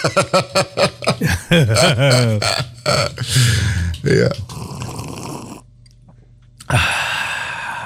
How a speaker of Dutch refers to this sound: Een lange slurp. Een lange. Lekker.